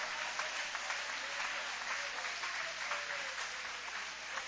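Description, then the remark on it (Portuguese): An audience applauds steadily to glorify God, many hands clapping in a dense, continuous wash of sound at an even level, with no voices standing out. “Levanta a mão então, aplaudindo a Ele, glorificando a Ele.”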